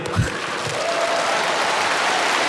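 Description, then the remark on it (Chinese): A crowd claps steadily throughout, a dense, sustained wash of applause that stays fairly loud from start to finish, with no voices standing out above it. “你必须说一位，咱们给海璐姐鼓掌。”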